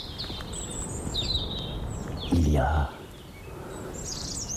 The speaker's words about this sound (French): cette réverbération naturelle qui est produite par les gorges. Les falaises ici se font face à face.